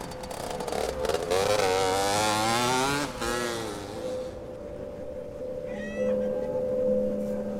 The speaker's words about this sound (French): Maintenant, des fois, je me prends à pester contre des ados, puis je m'arrête tout de suite, qui font du bruit, justement, avec des motos, des mobylettes qui avancent pas, mais qui font beaucoup de bruit.